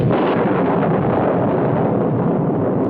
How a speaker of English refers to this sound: What was that? Thunder. Crash.